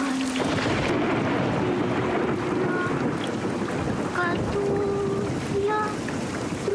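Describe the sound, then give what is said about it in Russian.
Steady, dense rain hisses across a city street at night, a continuous wash of noise with a low rumble underneath and faint tonal sounds drifting in from traffic. “Ночь, улица города, дождь.”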